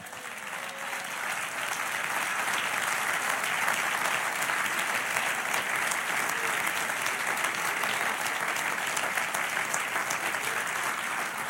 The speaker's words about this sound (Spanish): Dale otro aplauso.